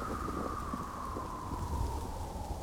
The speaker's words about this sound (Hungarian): Fújt a szél nagy zajjal ám